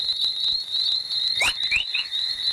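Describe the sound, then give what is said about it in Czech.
Space plasma chorus waves recorded by spacecraft near Earth, arising mostly at the edge of the radiation belts, rendered as sound: a steady high-pitched electronic whine with a burst of three or four quick rising chirps in the middle, resembling birdlike twittering. No voices. “Chorus trošku připodobní k štěbetání ptáků. Signály, které vznikají většinou na hraně takzvaných fanalenových radiačních pásů.”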